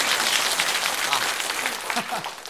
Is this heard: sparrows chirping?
no